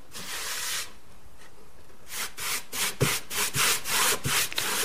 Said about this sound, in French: je viens cirer un de mes échantillons puisque en appliquant la cire, les couleurs changent. Ça sent bon. Oui, ça sent l'orange. Je préfère utiliser ça que l'essence de térébenthine, c'est beaucoup moins toxique.